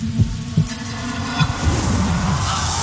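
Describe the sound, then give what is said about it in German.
Deep, muffled heartbeat thumps pulse at an uneven, slowish pace over a steady low rumbling drone, fairly loud, with no voices. “In diesem Moment hörte ich nichts außer meinem eigenen Herzschlag.”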